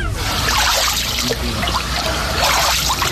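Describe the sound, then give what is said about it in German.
Water sloshing and splashing steadily as someone wades through a Kneipp pool in Dorschhausen, water between 6 and 8 degrees, with swirling, gurgling surges that rise and fall in a loose rhythm, fairly loud; recorded on a phone at the weekend. “Ich war Kneipen. Ich war in Dorschhausen und da ist ein Kneippbecken.”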